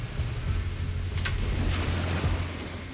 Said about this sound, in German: Da ist das Wasser. Also das ist der Bodensee.